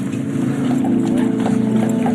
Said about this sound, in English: There's horses.